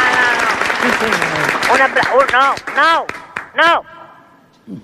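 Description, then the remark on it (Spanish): The audience at the Teatro España breaks into loud applause for the radio listeners at home, dense clapping mixed with whoops and shouted cheers, then tapers off near the end. “Por lo tanto, pido a toda la gente que está aquí en este Teatro España, por favor, que mande un aplauso enorme a los oyentes que están en sus casas.”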